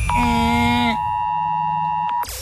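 A loud, harsh electronic alert alarm, the Oz Alert alarm, blares with layered steady tones, then drops to a thinner sustained pitch before cutting off abruptly. No one speaks.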